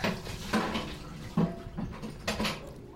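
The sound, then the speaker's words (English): An empty bucket plunges into a barrel of water outside a small house 8 miles southeast of downtown Los Angeles, with several loud splashing and sloshing bursts spread over a few seconds and no talking. “plunges an empty bucket into a barrel of water.”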